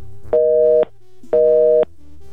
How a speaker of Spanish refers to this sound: ¿Qué crees, mi amor? Suena ocupado el teléfono de tu mami. No sé si no tenga señal o esté ocupado el teléfono de tu mami.